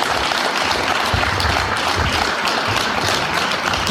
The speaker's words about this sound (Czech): Přiznal, že poprvé v životě vystupoval na plošině železničního vozu a přivítal ho vřelý potlesk.